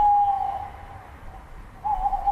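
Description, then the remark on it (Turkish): A tawny owl hoots, a steady tonal call held for about half a second, fading, then starting again near the end over quiet low background rumble. “Şimdi aslında renkleri değişmiyor ama bir türümüz var, alıcı baykuş.”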